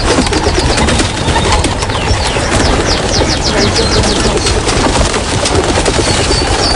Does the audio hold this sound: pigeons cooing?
yes